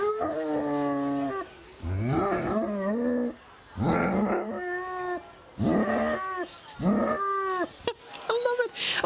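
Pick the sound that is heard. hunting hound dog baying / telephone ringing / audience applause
hunting hound dog baying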